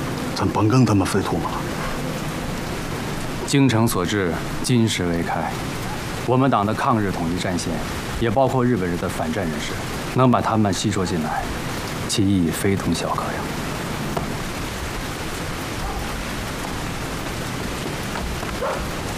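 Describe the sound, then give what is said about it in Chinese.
Steady rain hisses throughout, a constant wash of falling water. Voices speak intermittently over it in short bursts, then the rain carries on alone toward the end. “下雨了，让他们早点回去休息吧。”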